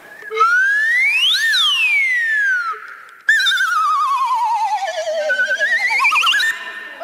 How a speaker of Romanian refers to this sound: Acesta se numește fluier glissando.